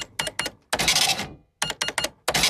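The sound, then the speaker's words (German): An old mechanical cash register of the kind common in the 1980s, which does not beep, rattles through a few quick clacking key presses, then the drawer rings open with a bright bell and a sliding clatter, loud, before more clunky keystrokes. “Die alte Registrierkasse, die noch nicht piept hat.”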